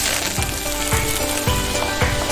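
Loud, steady sizzling of a stinky mandarin fish (chou guiyu) going into a wok and frying in hot oil, with a few sharp scraping knocks from a spatula against the wok at regular intervals. No one speaks.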